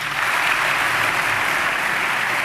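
Sustained audience applause, a dense steady wash of many hands clapping at even loudness throughout, with no voices audible over it.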